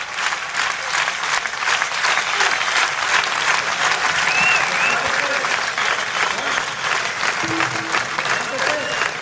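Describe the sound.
A large crowd applauds steadily, a dense, even roar of many hands clapping that holds at a strong level throughout, with faint cheers and voices mixed in.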